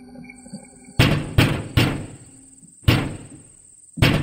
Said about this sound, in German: Das Ziel lag nahe, so dass sie nach wenigen Minuten bereits vor der Tür Emidio standen und laut und vernehmlich klopften.